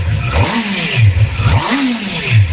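A newly bought motorcycle's engine revs repeatedly, its pitch climbing and dropping in a few quick surges, loud with a rough, buzzing tone and no talking.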